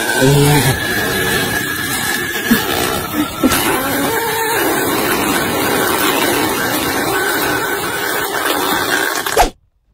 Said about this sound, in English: is a fish out of water burping. What? It is a fish out of water burping.